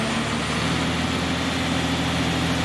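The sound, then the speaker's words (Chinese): A heavy crane engine rumbles with a steady, loud roar as the crane extends its boom and begins lifting, its deep drone unbroken throughout, with no voices heard. “然而，随着吊车发动机隆隆的巨响，在场所有人的心也跟着悬了起来。”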